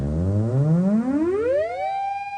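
A buzzy electronic oscillator tone, rich in overtones, glides smoothly upward from a low growl to a high pitch as a hand approaches the device's antenna, then holds steady as a continuous tone, loud and unbroken for about two seconds.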